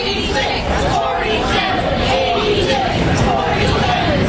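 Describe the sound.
A large crowd chants in unison, many voices rising and falling together in a steady rhythmic pattern over a constant loud roar of chatter and babble.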